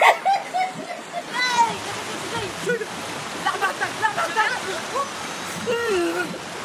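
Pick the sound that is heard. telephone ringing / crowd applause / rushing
rushing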